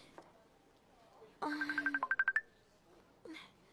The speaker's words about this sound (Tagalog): Ang cellphone ko.